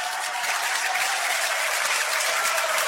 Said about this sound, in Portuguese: Aleluia. Mais forte as palmas misturado com glória a Deus.